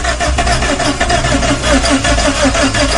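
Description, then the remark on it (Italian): A car engine cranks over and over with a steady, rapid chugging rhythm but never catches because there is no petrol. It is loud for about three seconds, with no voices. “Ma non parte sta macchina, Come facciamo uscire da qua se non parte la macchina?”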